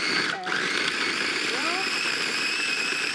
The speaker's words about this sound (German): Ein guter Mixer geht dafür auch. So. Und dann nicht zu lange, damit es halt ein bisschen so wie Eis bleibt.